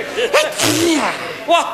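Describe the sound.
A single close sneeze: short voiced catches of breath build up, then a sharp, breathy burst, trailing off into a brief vocal sound, with another short voiced gasp at the end.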